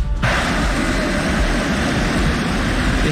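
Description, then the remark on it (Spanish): A football crowd in Athletic's stadium whistles at three Spanish national team players, the world champions, in a loud, continuous, dense wash of shrill noise and roar that holds steady throughout, after a brief spoken word at the start. “¿Qué siente al escuchar también estos pitidos a tres jugadores internacionales de la selección española de fútbol?”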